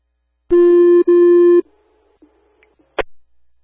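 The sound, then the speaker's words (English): Two loud, steady electronic fire dispatch alert tones for the Abington fire department sound back to back with a brief break, followed by a fainter lingering tone and a sharp click, sending an engine to an EMS call at an apartment. “Abington Fire, striking the box. Engine 48182 en route to 71 Chai Ave for apartment N7 for EMS. Abington Fire, striking the box. Time of the tones, 0930.”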